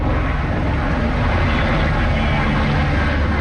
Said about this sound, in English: A helicopter dropping a bucket of water over the flames about 60 kilometers from the French capital.